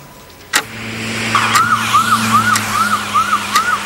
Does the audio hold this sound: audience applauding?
no